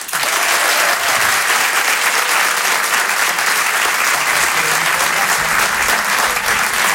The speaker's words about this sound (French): Rire et Chanson Comedy Club. Je demande un maximum de bruit, s'il vous plaît, un tonnerre d'applaudissements